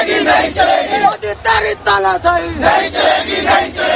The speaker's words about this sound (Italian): Cori e slogan contro il ministro dell'istruzione e il governo di Narendra Modi hanno accompagnato la protesta di ieri a Nuova Delhi.